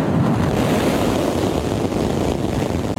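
A thick, continuous roar of SpaceX Starship rocket engines at liftoff from South Texas during a test flight, loud and steady with a deep rumbling low end and no pauses, heard on its own without any voices.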